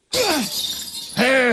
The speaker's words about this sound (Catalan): Escolti, miri, agafi també aquest martell, va, pugi per l'escala, i quan arribi a dalt a la claraboia, a l'últim vidre, trenqui'l.